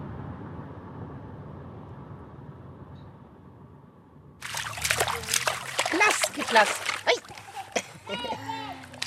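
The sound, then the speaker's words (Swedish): After a few seconds of low, steady rumble, a child starts splashing in water, with loud, irregular bursts of sloshing and spattering mixed with brief childish vocal sounds. “You want to go in the water? Is it cold? Se om du kan simma då.”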